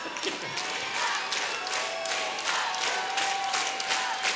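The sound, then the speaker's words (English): A live concert audience at Dalhalla shouts back at the performer in a loud, dense wash of voices, rising in several ragged surges over a few seconds, with scattered cheers and claps mixed in. “Thank you to the 50 people here that shouted that.”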